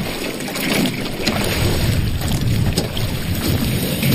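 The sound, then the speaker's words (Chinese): A small boat is rowed through water covered with thin ice, churning up waves with a steady rushing wash that slowly breaks the ice apart, fairly loud. Wind buffets the microphone throughout, and no one speaks. “造浪，这个是波浪就能把这冰慢慢地撅开了。”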